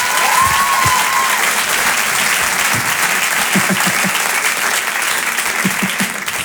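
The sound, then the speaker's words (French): Loud, sustained applause from an audience welcoming comedian Jérémy Ferrari, a dense wash of clapping that holds steady for several seconds, with a few faint whistles and cheers mixed in before it begins to taper. “Allez, on peut l'applaudir très fort.”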